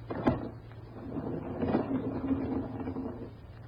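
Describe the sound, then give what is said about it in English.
A door opens: a sharp click or knock at the start, followed by a low, grinding slide or creak lasting a few seconds, with no voices. “I think if we open the door, we will be able to see.”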